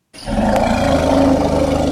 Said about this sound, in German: Für uns und unter normalen Umständen sind diese Laute nicht hörbar. Für Elefanten aber schon. Sie sind sogar ziemlich laut. Afrikanische Elefanten kommunizieren mit sogenannten Infraschalltönen, und zwar kilometerweit.